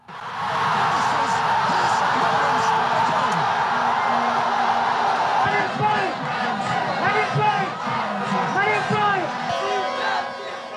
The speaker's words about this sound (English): You're hearing there in the background the chant, Messi, Messi, Messi. And you probably think, oh, maybe this is from the streets of Buenos Aires. But no, it's from the streets of Dhaka in Bangladesh.